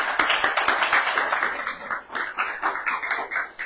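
Sustained applause from a crowd, a dense rattle of many hands clapping at an even, steady level for several seconds, with no voices over it.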